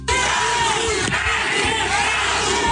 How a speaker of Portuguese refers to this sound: o público presente começou a gritar o nome de Cadu, pré-candidato do PT ao governo do Rio Grande do Norte